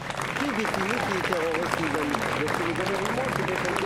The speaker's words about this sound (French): Donc je vous demande de l'applaudir, s'il vous plaît.